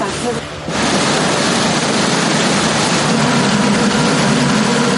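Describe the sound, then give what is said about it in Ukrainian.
A pontoon boat engine roars at full power on a river, loud, a steady unbroken drone with heavy rushing noise that holds constant for the whole stretch. “Двигун гучно реве на повну, а ми ледь встигаємо фільмувати безкраї річкові простори на телефони.”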